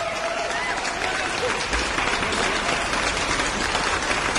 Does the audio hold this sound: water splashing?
no